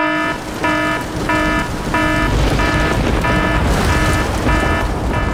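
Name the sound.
rain alarm sound effect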